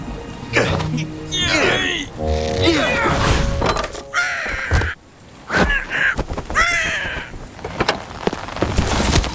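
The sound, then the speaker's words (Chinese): A cartoon parrot, Qiqi, lets out harsh, rising squawks in several loud calls as a glass bottle is pushed down to frighten it. The squawks mix with clattering thuds and a brief crash amid busy cartoon-style noise. “鹦鹉的胆子小，把玻璃瓶推下去吓跑它。”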